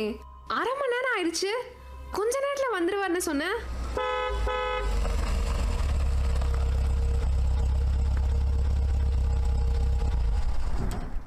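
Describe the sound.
Voices and rising-falling tones at the start give way to a steady car horn toot, then a car arriving outside rumbles loudly and idles continuously for the remaining seconds.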